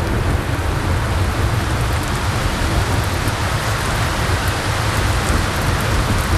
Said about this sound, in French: quand il y a eu des coups de chaleur comme ça, et puis que d'un seul coup la pluie tombe comme ça, oui, ils sortent là.